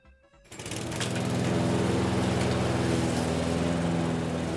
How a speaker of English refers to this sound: The guess was lawnmower. If you guessed lawnmower, you got it right.